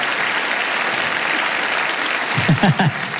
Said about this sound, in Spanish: Alguien tiene que aplaudir más que eso si lo crees, ¿de verdad, sí o no?